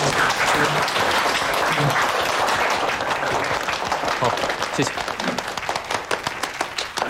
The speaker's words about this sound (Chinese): 让我们用热烈的掌声欢迎…。